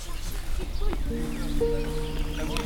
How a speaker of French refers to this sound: Ah ben elles sont là les oies. Elles sont en face. Elles sont posées juste en face derrière les arbres sur l'île. Je pense qu'elles ont leur nid juste là.